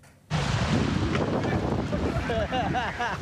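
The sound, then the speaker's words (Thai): A rescue boat pushes through fast, rushing floodwater to help trapped villagers in Ban Tha Mai Daeng, Mueang Sa Kaeo district, Thailand, flooded by water from the Phra Sathueng canal after heavy rain; a loud steady roar of water and wind starts abruptly, with voices calling out over it near the end. “เจ้าหน้าที่กู้ภัยก็ต้องนำเรือไปช่วยชาวบ้านที่ติดอยู่ในพื้นที่บ้านท่าไม้แดงอำเภอเมืองสระแก้วนะคะเพราะว่ามีมวลน้ำจากคลองพระสะทึงหลากเข้าท่วมพื้นที่”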